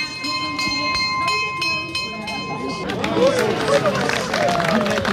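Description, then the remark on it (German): A bell rings with rapid, regular strokes for a few seconds to open a cheese market, clear, then stops as a lively crowd murmurs and people talk over outdoor hubbub. “Die Glocke hat geschlagen.”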